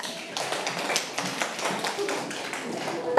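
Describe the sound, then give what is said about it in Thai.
A group of schoolchildren clapping together for a classmate who spoke as their representative, a steady patter of many quick overlapping claps at moderate volume, continuing evenly for a few seconds with some voices faintly underneath. “เก่งมากค่ะลูกเด็กๆปรบมือให้ตัวแทนด้วยค่ะ”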